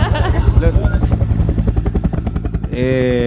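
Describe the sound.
A helicopter's rapid, steady rotor thumping pulses throughout while a man talks over it. Near the end the speech stops and a sustained buzzing tone joins the rotor noise.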